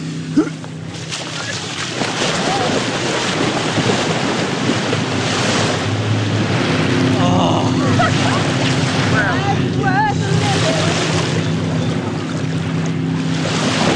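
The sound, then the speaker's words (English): Steady wash of lapping lake waves along the shoreline at Bayside Park around 1:30 at midday in peak heat, with wind buffeting the microphone and faint voices and bird chirps in the background. “So before the next round of scoopers arrive, the brave little state team takes an excursion to the lake.”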